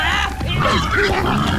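A wild boar grunts and snorts in a rough, continuous run of low, throaty sounds lasting a second or two, loud, with no clear speech.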